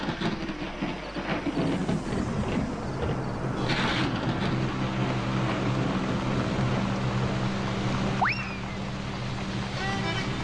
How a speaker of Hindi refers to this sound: अब तो बहुत जोरों की बारिश शुरू हो गई है। लगता है ये बारिश जल्दी रुकने नहीं वाली है। हाँ, बारिश तो हो ही रही है।